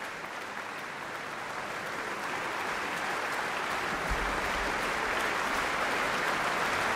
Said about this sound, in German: Und geht von der Bühne. Das Orchester steht noch und nimmt den Applaus entgegen.